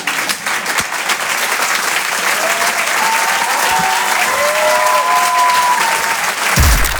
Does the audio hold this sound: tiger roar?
no